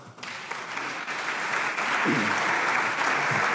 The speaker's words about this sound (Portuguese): Aplausos de todas as bancadas do hemiciclo.